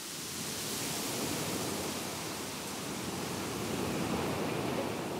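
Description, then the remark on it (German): A steady, full wash of surf noise, like ocean waves rolling onto a shore, holding a fairly even level throughout with only gentle swells and no voices. “Ich kann mich hier den Ozean vorstellen mit den Bäumen gerade.”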